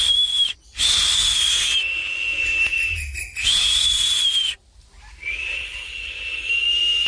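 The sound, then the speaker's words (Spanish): Shrill, sustained whistles of toucans calling from the branches in a jungle, in three long bursts separated by brief pauses, over a steady hissing background. “Los tucanes silbaban desde las ramas.”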